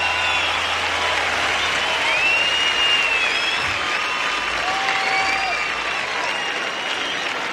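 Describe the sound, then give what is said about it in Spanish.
An audience claps steadily and loudly for the band, a dense wash of applause lasting several seconds, with a few sharp whistles and scattered cheers rising over it. “Un aplauso para la banda, por favor.”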